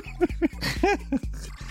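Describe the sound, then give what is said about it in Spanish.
Short, pitched dog barks follow one another in a tune, like a Christmas carol played with barks, over a steady musical backing. Four or five clear yelps land at uneven intervals. “¿Para qué escuchan a perritos con sus villancicos?”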